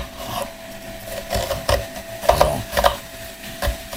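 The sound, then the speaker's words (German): A knife slices lengthwise through half an onion on a wooden board before dicing it, with a handful of crisp cuts and scrapes at uneven intervals over a faint background hum, no talking. “Ich schneide jetzt hier eine halbe Zwiebel, die Schüssel stelle ich jetzt dahin und die schneide ich jetzt quasi in Würfel.”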